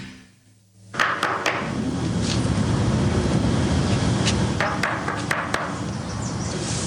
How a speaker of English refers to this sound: Now, Ken knocks on an apartment door.